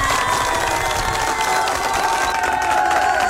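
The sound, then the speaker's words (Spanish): A crowd applauds and cheers steadily, a dense wash of clapping with whoops and shouts rising over it for a few seconds, no one speaking; applause for the DJ. “Muchas felicidades, un fuerte aplauso para la DJ.”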